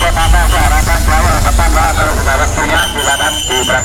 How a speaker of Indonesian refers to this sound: Hiruk pikuk para penumpang dan kendaraan bus ini terjadi di Terminal Purabaya, Surabaya. Di pusat moda transportasi massal yang terbesar se-Asia Tenggara ini, ratusan bus setiap hari keluar masuk terminal mengantar para penumpang ke tempat tujuan.